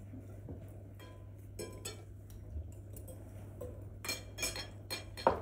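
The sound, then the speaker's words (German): Knife and fork clink against plates while salad is eaten, the knife held in the right hand and the fork in the left, in a scatter of sharp metallic taps, several quick bursts over a steady low hum, with a louder clatter near the end. “Wir versuchen, das Messer in der rechten Hand zu halten und die Gabel in der linken Hand.”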